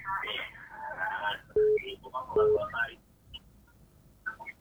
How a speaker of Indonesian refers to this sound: Oma, radionya dikecilin aja dulu, Oma, mungkin. Masa dengar di HP ya? Iya, dengar di HP aja. Itu radionya dikecilin aja, Oma.